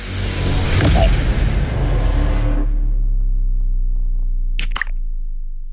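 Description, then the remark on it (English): A beer can cracks open with a sharp pop near the end, following a few seconds of rustling, fizzy hiss over a low steady hum. “should we roll straight into the next can?”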